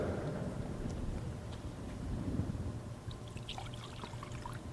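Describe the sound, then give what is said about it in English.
A small amount of water trickles into wine in a chalice, a soft, brief liquid splash that brightens toward the end, heard over a steady low rumble with no voices. “By the mystery of this water and wine”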